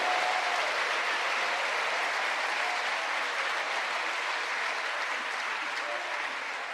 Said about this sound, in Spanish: ¿Cuántos bendicen el nombre del Señor? ¿Cuántos le dan un aplauso a ese Dios precioso, hermano?